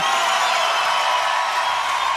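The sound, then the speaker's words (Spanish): Loud, sustained applause with cheering from a crowd, a dense, steady wash of clapping that keeps the same intensity for about two seconds without a break. “aplauso fuerte.”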